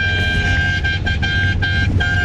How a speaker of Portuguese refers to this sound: Que buzinada boa. Tá quase acabando. Tá acabando o buzinaço. Tá acabando o buzinaço, hein?